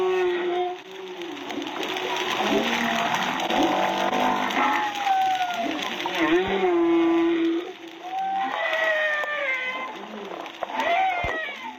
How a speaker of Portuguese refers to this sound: E aqui, para ilustrar aos nossos ouvintes, eu coloco o som da jubarte brasileira.